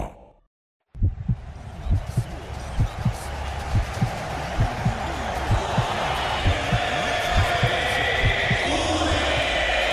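After a second of silence, a heartbeat sound effect pulses in steady, deep thumps, repeating about twice a second beneath a loud, continuous roar like a cheering crowd.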